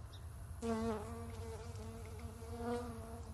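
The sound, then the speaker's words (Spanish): A steady insect buzz from an albino Texcoco lake fly, an insect endemic to the Valley of Mexico that belongs to the cicada family (Cicada lacunae texcocensis), kicks in after a brief pause and drones on continuously, swelling slightly louder at moments, with no voices present. “La mosca albina del lago de Texcoco es un insecto endémico del Valle de México.”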